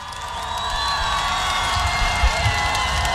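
A live audience in Piața Mare, Sibiu, Romania, in 2015 applauds and cheers as a singer is welcomed on stage, a dense, steady wash of clapping and crowd voices, holding at a fairly loud level for the whole stretch, with a few low thumps near the end.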